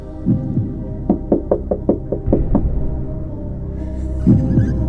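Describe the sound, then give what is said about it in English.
A tentative knock on a door: a quick, uneven run of about eight light raps over a low steady hum, with a couple of softer thumps before and after. “door knock number two”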